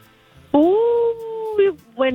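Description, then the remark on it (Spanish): A person imitates a coyote, letting out one long, loud howl that rises and holds steady, then breaks into two shorter yipping calls, clear. “Creo como un coyote.”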